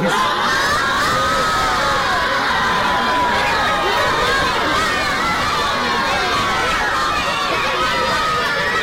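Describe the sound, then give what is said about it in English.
A large audience cheers and shouts excitedly, with applause mixed into the dense, steady roar. The noise stays loud and sustained from start to finish, with no pauses. “I know you want to clap some more, but we got one problem.”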